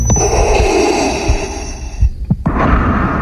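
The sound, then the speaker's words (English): A man dressed as Darth Vader imitates the character's heavy mechanical respirator breathing into the microphone at the podium of a San Diego City Council Public Safety and Livable Neighborhoods Committee meeting: a long, loud, raspy hiss, a brief break, then another rasping breath, with no talking. “The man approached the podium at a Public Safety and Livable Neighborhoods Committee meeting with Darth Vader's signature breathing into the microphone.”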